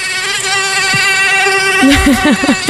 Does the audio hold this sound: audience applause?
no